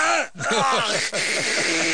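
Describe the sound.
A person voices a dog's dry retching: a rapid series of strained, throaty heaves in a rough rhythm, with two brief gaps between bursts, loud and alone with no words.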